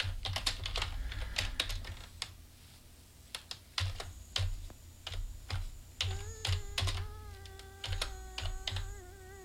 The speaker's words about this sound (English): And I'm typing this thing really slow, so sorry.